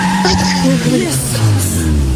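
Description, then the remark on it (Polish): A car driving, its steady engine and road rumble filling the background while a voice talks over it, with a brief high, squealing whine rising partway through. “To nie są nagrania z twojego samochodu?”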